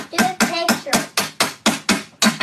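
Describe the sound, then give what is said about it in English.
A six-year-old boy hits plastic ice cubes with a hammer in a game where whoever knocks them all down loses: a quick, steady series of about nine sharp, clacking hits, each fairly loud with a brief hollow ring. “like a bunch of plastic ice cubes, and then you hit them with a hammer”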